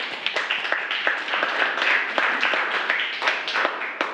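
A group of students in a class applauds together to thank an instructional video, a steady crackle of many overlapping hand claps that stays fairly even in loudness for about four seconds with no talking over it.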